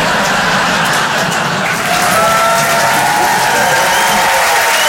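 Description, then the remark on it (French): Steady applause from an audience fills the whole stretch, a dense, even wash of clapping with some crowd noise mixed in, fairly loud throughout. “Non, n'applaudis pas, tu sais pas ce que je veux dire.”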